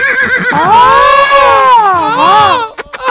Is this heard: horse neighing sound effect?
yes